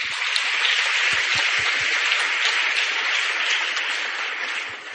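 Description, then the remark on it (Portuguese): An audience at a church celebration of the parish of Santa Luzia, Colônia 13, claps to welcome everyone, a dense, steady crowd applause that stays loud and continuous for several seconds before easing off slightly at the end, with no voices over it. “Sejam todos bem-vindos, meus irmãos e minhas irmãs, à nossa acolhida com as nossas palmas.”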